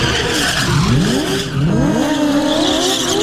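A car doing a burnout at Queensland Raceway, going round and round as the driver celebrates a win, its tires squealing in loud rising and falling whines over a steady, rumbling engine roar, with no gaps in the noise.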